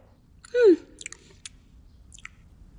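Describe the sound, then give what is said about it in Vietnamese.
Someone chewing a chicken leg: a brief loud voiced hum of enjoyment, then a few sharp, wet chewing clicks spaced irregularly over a low, faint background rumble. “Muốn ăn đùi gà không hả?”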